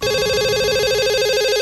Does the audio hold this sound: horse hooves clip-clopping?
no